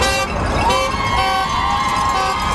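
Car horns honk in support in long, overlapping blasts, loud and steady across the whole moment, layered over a busy outdoor wash of traffic and crowd noise, at a strike picket in front of the hospital in Surrey.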